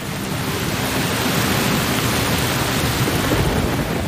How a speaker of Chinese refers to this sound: 乌云不断在空中聚集。稀疏的雨滴很快变成了滂沱大雨，